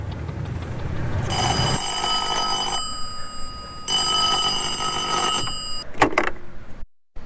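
An office telephone being dialed rings in two long, steady electronic bursts separated by a short pause over a low background hum, followed by a sharp click like a receiver being picked up.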